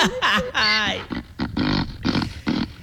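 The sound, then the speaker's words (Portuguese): A young donkey, Pitoco, brays loudly at 6:23 in the morning to wake children for school: a strained, wavering honk followed by a rhythmic run of harsh, see-sawing heehaw pulses lasting a few seconds. “Vamos acordar que meu pitoco, jumentinho, vai acordar você agora.”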